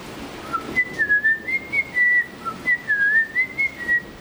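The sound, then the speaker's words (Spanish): A person whistles a short melody, the pure tone gliding up and down through a series of phrased notes, clear with no talking over it. “pero un mortal como nosotros puede silbar más o menos afinado una melodía.”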